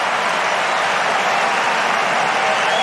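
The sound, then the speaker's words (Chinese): A large home tennis crowd bursts into loud, sustained applause and cheering after Sinner wins the point with a drop shot, a dense wash of clapping that holds steady for about three seconds with no one speaking over it. “这个短球的制胜分啊，也引爆了现场观众的热情。”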